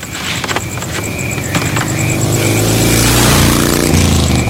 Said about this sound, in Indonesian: Itu siapa Pak? Malam-malam naik motor kok ngebut?